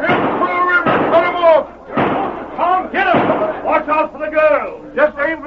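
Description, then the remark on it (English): A few sharp gunshots crack out at irregular intervals amid a tumult of loud, overlapping male shouting, as a sheriff's posse charges across a clearing, firing and shouting as they run. “posse had emerged from hiding, and with the sheriff in the lead, raced across the clearing, firing and shouting as they ran.”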